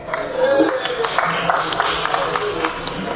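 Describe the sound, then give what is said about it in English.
An audience breaks into applause for a bell being shown to them, a steady patter of many hands clapping at moderate volume for a few seconds, with faint crowd murmur underneath. “Yes, you can applaud for a bell.”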